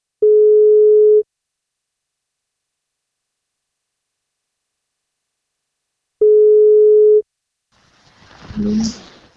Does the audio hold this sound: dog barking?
no